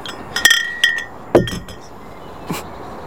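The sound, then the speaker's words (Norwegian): Glass beer bottles being set down by the sea clink together in a few bright, ringing knocks, with sustained high chimes after the first hits, followed by a couple of duller thuds and a softer clink near the end. “Nei, jeg har allerede ganske mye nedi sjøen, så jeg bare satt dem ved siden her, men jeg ville ha med lydeffekten”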